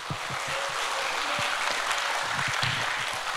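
An audience at a pansori performance during a festival applauds steadily to welcome the performers back, a dense, crackling wash of many hands clapping that holds at an even, fairly loud level for about three seconds without fading.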